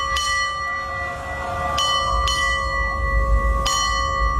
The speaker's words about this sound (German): Guten Morgen, hier ist NDR 1 Welle Nord und wir glasen hier jetzt mal an, läuten die aktuelle Uhrzeit mit der Glocke für Sie.